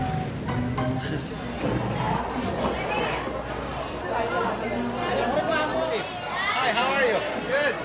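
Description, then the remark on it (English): Market vendors shouting over a dense crowd, with many overlapping voices calling out and chattering in a steady, loud babble that carries on without a break. “What's going on? They're all shouting.”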